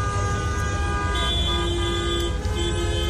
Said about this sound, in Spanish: Bueno, recuerdo una vez que nos contabas que el tráfico era caótico y la forma de conducir muy diferente, y nos rescatas un sonido también de esos bocinazos continuos, ¿no?